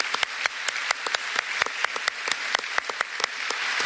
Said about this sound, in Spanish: La verdad que un aplauso para las mujeres.